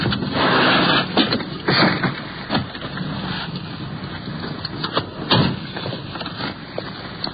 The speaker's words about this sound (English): Yeah, there they are. The radio car's pulling up. We're sliding in behind.